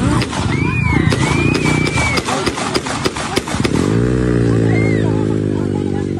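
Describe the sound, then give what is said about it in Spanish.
A rapid series of about ten sharp gunshot cracks, fired by an attacker at a young man lying on the ground from about 50 centimetres, rings out over a loud, chaotic crowd with young people screaming and people fleeing, then a steady droning hum takes over as the shouting continues. “Esos son los tiros, Preto.”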